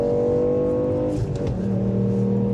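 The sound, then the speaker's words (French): A rally car engine of about 200 horsepower roars loudly and steadily, revving hard as it accelerates, with a brief dip and shift in pitch midway like a gear change. No voices are heard. “On m'a dit que c'était une voiture de rallye, donc j'espère tout.”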